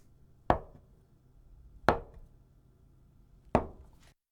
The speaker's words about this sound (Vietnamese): Khi cắt đậu phụ nhớ giữ lưỡi dao thẳng chứ đừng nghiêng. Cắt đậu phụ bằng một động tác dứt khoát sao cho chúng ta có thể nghe thấy tiếng dao chạm vào mặt thớt.